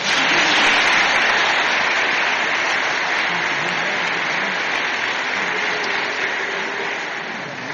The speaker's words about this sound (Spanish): Le damos un aplauso.